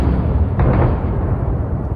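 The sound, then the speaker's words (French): A single muffled explosion from a suicide drone attack bursts out about half a second in, over a steady, heavy rumble of low noise that continues throughout; no voices are heard. “Vous l'entendez sur cet enregistrement, les autorités déplorent une victime brûlée vive dans un incendie déclenché par un drone suicide.”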